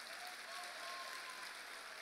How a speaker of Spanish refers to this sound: Así que si usted es un gran líder, dele un aplauso fuerte al Señor. No lo oigo.